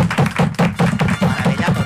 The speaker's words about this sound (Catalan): Escolta, un aplaudiment, per favor, per aquestes dues senyores que són dins. Meravella total.